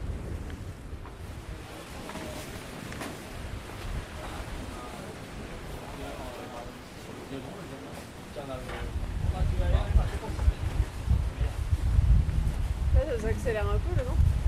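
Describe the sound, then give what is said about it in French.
Wind buffets a sailing boat between Groix and Les Glénans, a steady whoosh that swells into a louder, rumbling gust partway through, with water rushing alongside and voices talking faintly underneath. “Ça accélère un peu le vent.”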